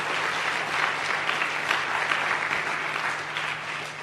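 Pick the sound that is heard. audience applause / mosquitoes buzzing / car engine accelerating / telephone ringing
audience applause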